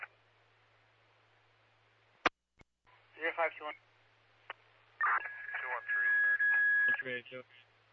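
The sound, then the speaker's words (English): A steady electronic fire dispatch paging tone holds for about two seconds over a crackly, narrow-band fire control radio channel, with sharp clicks and brief bursts of muffled talk around it. “The race of car 207, crew assembly, do you need further tones?”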